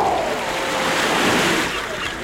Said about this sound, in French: Bien installé, au bord de l'océan, vous savourez le vent du large.